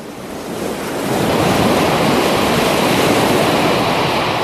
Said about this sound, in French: Une tempête terrible soufflait sur mer et sur terre. Des vagues énormes assaillaient la falaise, enlevant des quartiers de roches.